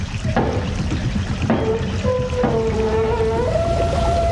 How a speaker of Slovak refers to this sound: On chudák nevie, ako treba zvihnúť stavidla. Čo skoro sa nám voda z náhonu prelie do záhrady. Hej, sused, potočte tým kolesom. Zdvihnite stavidlo.